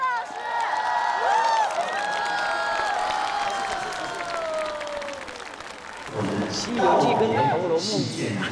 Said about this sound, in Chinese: 好了，好，来，谢谢，来，掌声给他。